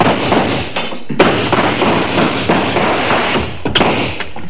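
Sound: gunshots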